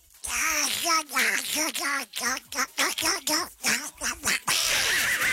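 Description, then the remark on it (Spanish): A voice imitates the cartoon duck Donald Duck, quacking out a rapid string of squawky, nasal syllables in loud bursts for several seconds. “¿Me puede mandar un mugre chiquito con la voz de Pato Donald?”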